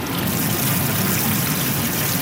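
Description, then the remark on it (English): Water trickles steadily in a small green oasis surrounded by giant plane trees, a continuous bubbling, splashing flow with no pauses and no voices over it. “And over here we've got some water.”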